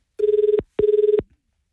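A telephone rings twice as a radio station calls a contest winner, each ring a short, buzzy burst of rapidly pulsing electronic tone at a steady mid pitch, separated by a brief gap. No voices are heard.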